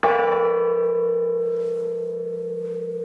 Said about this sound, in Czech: Přecházíme napravo od presbytáře, tady visí veliký zvon. Můžete trošku cinknout, oče